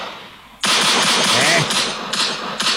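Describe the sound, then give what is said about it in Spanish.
A sudden eruption of rapid, repeated gunshots that blur into a dense, continuous crackling roar, loud and sustained for about two seconds with slight pulses near the end. “Quieta ya, y ahí nomás, no dispares para todos lados, bandida, no dispares para todos lados, que queden cargadas las balas para otra gente.”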